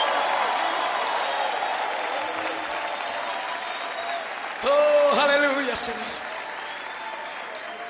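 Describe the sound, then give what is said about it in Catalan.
A crowd applauds steadily with a broad, dense wash of clapping, raising an acclamation to God, while a voice calls out over it, rising briefly louder midway with sustained vocal exclamations before settling back. “Oh, vamos, levanta esa aclamación a Dios.”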